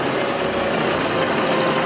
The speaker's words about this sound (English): His tow truck rumbles forward and angles around the station wagon.